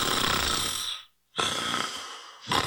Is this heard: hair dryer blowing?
no